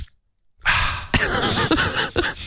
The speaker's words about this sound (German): Da sprüht er mir die Dose Deo ins Gesicht.